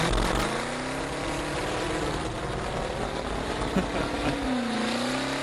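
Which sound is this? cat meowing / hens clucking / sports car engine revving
sports car engine revving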